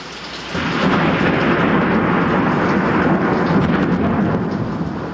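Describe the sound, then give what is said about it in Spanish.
A loud thunderstorm with lightning rumbles in after a brief quiet start, with heavy rain pouring steadily and deep rolling thunder sustained throughout; no voices are heard. “Yo estaba en el establo ordeñando las vacas cuando llegó una terrible tempestad con terribles relámpagos.”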